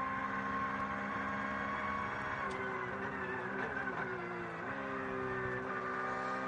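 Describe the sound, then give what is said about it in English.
The engine of the number 5 Black Falcon Porsche race car, driven by Giorgio Piani, drones steadily from inside the car, its pitch holding high and then dipping briefly around a gear change before settling again. No one speaks. “So a bit of on board with Giorgio Piani here in the number 5 Porsche.”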